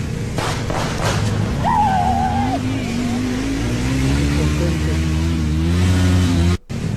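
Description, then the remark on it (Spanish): A motorcycle engine revs and accelerates steadily on Reforma Norte avenue, its pitch climbing as it drives past, loud, with faint background noise throughout. “A ver, mire, ahí va la moto.”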